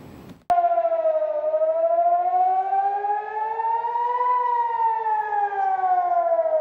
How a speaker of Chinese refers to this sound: 当地时间六月七号晚，以色列北部多个地区拉响防空警报。据以色列国防军通报，伊朗当晚向以色列发射导弹，均被以军拦截。